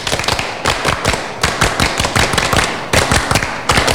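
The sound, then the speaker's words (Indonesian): A group of Pramuka scouts from SDN Ngelandung 3 in Indonesia does the scout clap (tepuk pramuka) twice. They clap a fast, patterned rhythm of sharp, loud claps in bursts separated by brief pauses, repeating the sequence. No clear voices stand out over the clapping. “Dua kali tepuk pramuka.”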